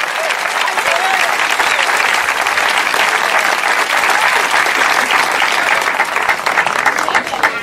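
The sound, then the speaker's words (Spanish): A church audience claps loudly and steadily for several seconds as applause to Christ of glory during a sermon, a dense, sustained wash of many hands with faint crowd murmur underneath and no clear speech on top. “Dele fuerte ese aplauso a Cristo de la gloria.”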